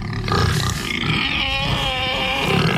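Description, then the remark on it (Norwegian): Loud, continuous guttural grunting and snorting from a large herd of swimming pigs on Major Cay, an uninhabited tropical island in the Bahamas. The sound is rough, with overlapping low rumbles and squealy tones throughout, no talking. “Major Cay er nemlig hjem til en svær flokk med svømmende griser.”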